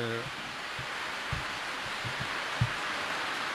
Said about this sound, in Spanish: estamos en estos momentos, está cayendo la lluvia. Bueno, está cayendo la lluvia, pero esto será un pasajero, seguramente, porque está cayendo, parece, con granizo.